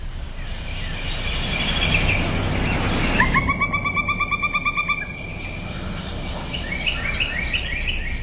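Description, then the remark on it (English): A pileated woodpecker gives a loud, laughing call, a rapid run of about a dozen ringing notes that fades at the end, over a steady hum of insects and faint chirps. “One more honorable mention, number 13, the pileated woodpecker.”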